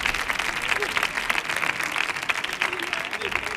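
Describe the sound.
An audience applauds steadily, a dense wash of many hands clapping at an even level throughout, with faint voices mixed into the crowd noise.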